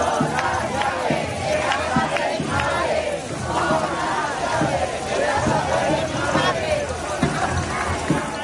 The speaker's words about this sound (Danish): Det her er nøglerne til min mors hus, råber de her i Madrid, mens de rasler med deres nøgler i protest mod det, de kalder en boligkrise.